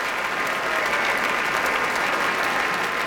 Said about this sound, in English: Now all of the members of the Boston Symphony standing. You heard a large cheer for the horn section led by Richard Sebring here with the BSO.